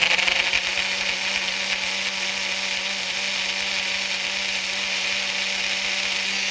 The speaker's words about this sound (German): Genau, da kommt jetzt einfach nochmal Wasser dazu, gerne auch ein Sprudelwasser. Das geht ganz kurz durch den Mixer.